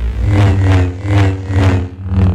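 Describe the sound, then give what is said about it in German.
A Star Wars lightsaber hum: a loud, steady, low electric buzz that swells and fades in about five rhythmic whooshing pulses, with no voices. “Aber hey, Star Wars Fans, die kriegen da bei diesem Lichtschwert oder so gleich eine Gänsehaut.”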